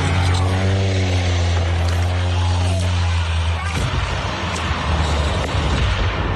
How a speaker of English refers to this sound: Social media sound of a seaplane going down off the coast of Washington State, about 90 miles north of Seattle. The plane burst into flames when it hit the water, but the 10 passengers and pilot were all rescued.